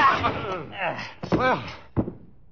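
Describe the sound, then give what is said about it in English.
Strained grunts and groans of a scuffle, then a single heavy wooden thwack as a man is struck with a chair, followed by a brief low groan. “You were very handy with that chair.”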